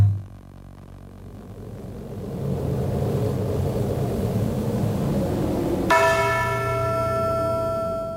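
A deep, rumbling swell builds, then a single heavy bell tolls loudly, its bright metallic overtones ringing out and slowly fading. No one speaks.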